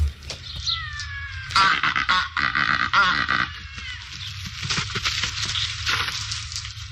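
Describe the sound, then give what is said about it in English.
Cape Barren goose calls: harsh, nasal, grating honks repeated in loud, rough bursts with some wavering pitch, fading to softer grunting calls toward the end, with no talking. “The Cape Barren Goose.”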